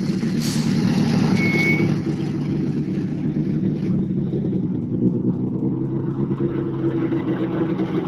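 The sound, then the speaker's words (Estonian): A Volvo rally car, number 64, arrives with its engine rumbling steadily, its low drone holding throughout, with a brief high-pitched squeal near the start and a slight drop in intensity after a couple of seconds. “Erko Sibul ja Kevin Keerov, kes peaks sinuni jõudma imelise Volvo autoga”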